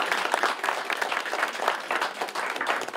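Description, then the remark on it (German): Steady applause from an audience, a dense wash of many hands clapping at a fairly even level throughout, with no voices standing out; applause for the women who run the Sunday coffee cake buffet. “Applaus für die Damen und Kuchenbuffet.”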